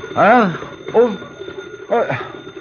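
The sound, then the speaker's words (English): A telephone bell rings in three separate bursts, each a loud warbling tone that swells and fades, with a short pause between the first two rings and a longer gap before the third. “I fell asleep after a long time, and I was awakened by the clatter of a bell in my ears.”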